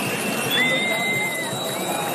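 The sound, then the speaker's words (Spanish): Thousands of protesters shaking their house keys in a packed Puerta del Sol in Madrid on a Tuesday night make a dense, continuous metallic jingling over a low crowd murmur, with a thin whistle-like tone gliding through the middle. “Es el sonido de miles de personas agitando las llaves de sus casas en señal de protesta en Madrid este martes por la noche en una Puerta del Sol abarrotada”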